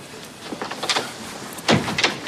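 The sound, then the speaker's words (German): A quick series of knocks on a door, followed by a louder scraping rush as the door swings open and someone comes into the room, with no voices. “Da klopft es und Hamid kommt herein.”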